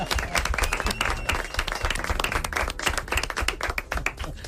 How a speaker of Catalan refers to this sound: Aquí hi ha una soprano que m'ha deixat. Porta aplaudiment, molt bé.